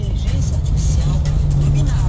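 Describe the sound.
Motorcycle engines rumble and idle together in heavy traffic, a steady close-up drone of low motor noise with a brief rev and faint voices mixed in.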